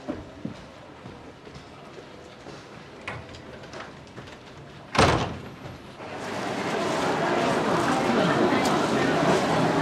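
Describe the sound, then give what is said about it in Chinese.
A door shuts with a single firm thud about halfway through, after quiet murmuring voices; a louder, busy background hubbub follows. “改成150页以内的，关门。”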